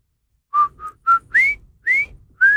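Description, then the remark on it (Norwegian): A short whistled melody of six clean notes, the first three lower and evenly spaced, the last three sliding upward in pitch; clear, with no talking. “Men så var det denne spilleren da, som plystret to toner i stedet.”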